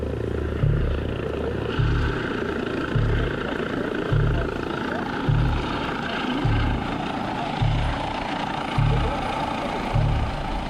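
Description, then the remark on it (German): A helicopter, its rotor thumping in a steady, regular beat beneath a loud, rushing engine roar, as it comes in to land. No voices. “Es ist so, dass der Hubschrauber immer gegen den Wind landet.”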